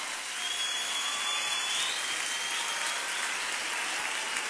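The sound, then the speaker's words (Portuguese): A church audience applauds steadily to welcome an invited preacher and songwriter, a dense, continuous wash of clapping at an even level throughout, with no voices standing out above it. “Vamos aplaudir a Deus pela vida dele.”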